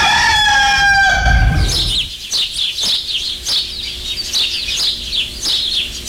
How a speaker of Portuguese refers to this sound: Ô de caça, acorda minha gente, o galo já cantou faz tempo, só.